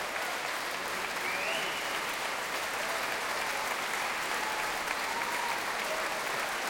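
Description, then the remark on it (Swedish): A concert audience applauds steadily, a dense, even wash of clapping that keeps going without a break and never fades. “Applåderna vill inte ta slut där ute.”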